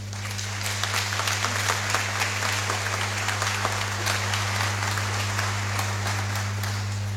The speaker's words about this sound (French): vous avez manqué de saluer les nouvelles échangées en langue Atchan et c'est ce que vous allez faire maintenant par des applaudissements.